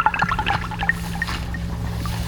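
water dripping and trickling

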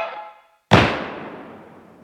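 gunshot

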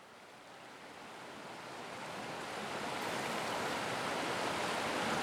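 river water flowing

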